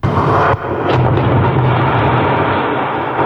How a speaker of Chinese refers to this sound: 几天前，在湖北宜昌三峡枢纽新通道施工现场，随着最后一报顺利启动，作为施工准备试验工程的三峡枢纽新通道先行开挖区完成全部爆破开挖作业。